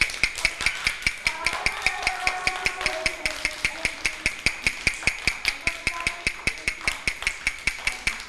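A teacher knocks a rapid, steady rhythm for children to identify as a fast beat: a series of sharp knocks, about five per second, continuing evenly throughout at moderate loudness, with faint voices murmuring underneath.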